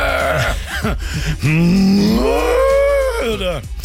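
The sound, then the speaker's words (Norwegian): A brief voice, then a single long cow moo that rises and holds, loud, drawn out for about two seconds before trailing off. “Eller som kuene sier, nytt mø!”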